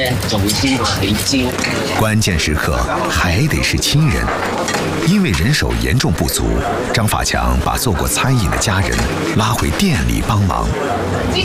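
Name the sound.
oil sizzling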